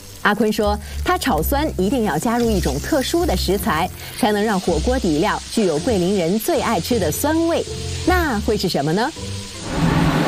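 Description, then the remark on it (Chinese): A steady frying sizzle hisses as dried chili powder is stir-fried in a wok, making the sour base for a Guilin beef hotpot broth, kept low beneath a man talking continuously over it. “炒酸是制作牛八宝火锅底料的关键步骤，一个酸字道出了桂林人口味偏好的精髓。”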